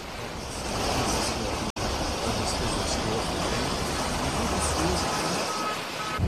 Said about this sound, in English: Water rushing through neighborhoods in Newport Beach, California, Friday. The southwest now bracing from impacts from Tropical Storm Rachel in the eastern Pacific.